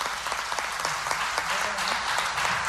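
Steady, dense applause from an audience, many hands clapping at once in a continuous crackling wash at fairly even loudness, with no clear rhythm or pause.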